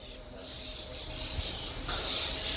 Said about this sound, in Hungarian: Ó, hát nagy madár élet van itt a platánfákon.